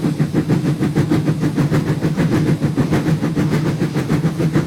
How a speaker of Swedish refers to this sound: Så här låter ett gammaldags tuff-tuff-tåg.